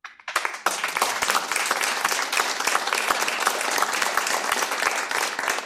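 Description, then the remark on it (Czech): A crowd bursts into sustained applause, many hands clapping densely and steadily, starting abruptly and continuing at full loudness throughout without any talking. “tleskáme ti.”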